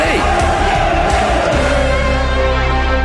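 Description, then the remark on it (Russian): A loud football stadium crowd roars and chants together, a dense wall of many shouting voices with rising and falling calls, sustained throughout without pause. “И что кричим? Судью на мыло или оле?”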